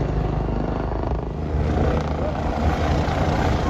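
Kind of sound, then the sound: vehicle, helicopter flying low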